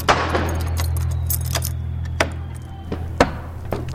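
keys jangling

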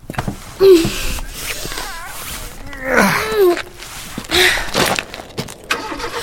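car engine starting

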